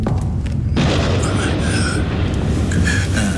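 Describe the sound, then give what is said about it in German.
A sudden crack of thunder bursts in after a brief quiet moment, then rolls on as a loud, deep, sustained rumble to the end, with faint voices underneath. “Fürchtet ihr euch vor Gewittern?”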